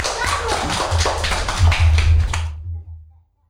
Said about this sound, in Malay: Oke, tepuk tangan untuk